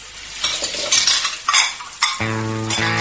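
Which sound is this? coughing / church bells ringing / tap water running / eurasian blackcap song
tap water running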